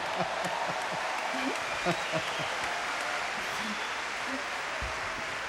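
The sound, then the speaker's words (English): An audience claps steadily in praise of Jesus at a church service, a dense, sustained wash of many hands with no pauses, while faint voices rise and fall beneath the applause. “Well, the one we're clapping for is the heavyweight champion of all times.”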